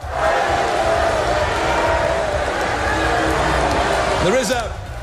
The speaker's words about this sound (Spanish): Los asistentes han respondido con abucheos y rápidamente los servicios de seguridad han sacado a las manifestantes.